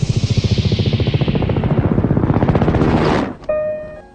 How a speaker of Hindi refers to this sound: जब हमारे सरों पर पहुंचा तो देखा हेलीकॉप्टर है।